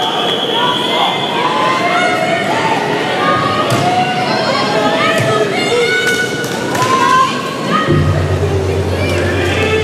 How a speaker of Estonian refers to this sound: Naised 100 meetrit vabalt, esimene poolfinaal. Kuulake, kuidas nüüd Prantsusmaa publik jälle omale kaasa elab.